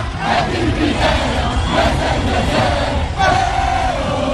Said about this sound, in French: Dans les rues de Casablanca, c'est l'euphorie. Les supporters dansent, chantent.